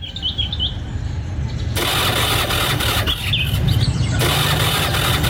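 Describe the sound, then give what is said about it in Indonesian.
A worn-out old motorcycle, unserviced for months, with dirty oil, a nearly dead spark plug and a weakening battery, fails to start: the engine cranks in two long, harsh bursts with a squealing whine, sputtering and rumbling without catching, loud, with no voices. “Kenapa ini? Ayo nyala. Terlambat aku nanti. Duh, Kak. Apes aku ini gara-gara motor butut.”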